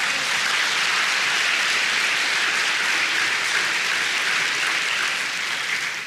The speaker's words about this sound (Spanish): De un aplauso al Señor.